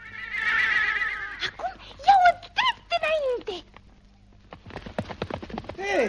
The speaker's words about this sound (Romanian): Nu știu, calul parcă turbat. Degeaba trag de hățuri, că nici nu se închisește. Hei! Așa zboară ca fulgerul căluțului.